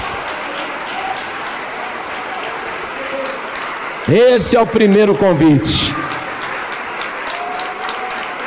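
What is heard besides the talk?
audience applauding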